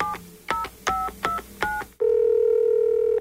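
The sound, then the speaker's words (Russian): A phone number is dialed to call a popular singer: five short, bright touch-tone beeps in a quick, slightly uneven rhythm, then a steady, sustained lower tone takes over. No one speaks. “Давайте ей позвоним.”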